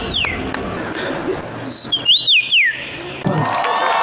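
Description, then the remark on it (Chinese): A contestant in a bird-call imitation contest in Poland whistles, using only the voice, an imitation of a native Polish wild bird's call: a few clear, swooping notes that rise and fall in quick succession, moderately loud over a steady background murmur. “他们在比赛中轮流模仿波兰本土野生鸟类的鸣叫声。”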